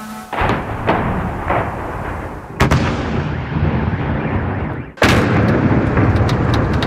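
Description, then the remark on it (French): Powerful explosions from a barrage of missile and drone strikes on Kyiv at night, shortly after 1 a.m.: three heavy booms strike at about half a second, two and a half seconds and five seconds, each followed by a long, loud rumbling roar that fills the gaps. “La scurt timp, cerul a fost luminat de un baraj de rachete și drone și explozii puternice.”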